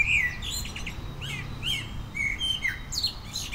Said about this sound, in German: Ein Vogel, den wir vermutlich alle hören können in Baden-Württemberg und Rheinland-Pfalz. Die Amsel ist auf Platz 1. So, da sehen wir sie und wir hören sie jetzt auch.